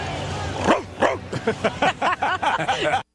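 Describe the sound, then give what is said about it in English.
A person imitates a dog, letting out a rapid run of about ten sharp, yappy barks in quick succession, loud, with faint background chatter. “That bark sounded, that didn't sound like a person barking. That sounded like a dog.”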